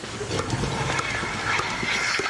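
A dairy cow suffering from heat stress on an organic farm in Pfaffenhausen makes short, jerky hiccup-like sounds every half second or so against a steady, noisy background, moderately loud, with no one speaking.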